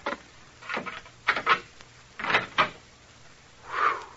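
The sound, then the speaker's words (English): An old door is worked open with a run of short wooden scrapes and rattles, then a longer drawn-out creak near the end, with no talking. “This is the door, I think.”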